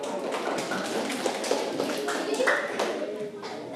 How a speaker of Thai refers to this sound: เดี๋ยวปรบมือให้เพื่อน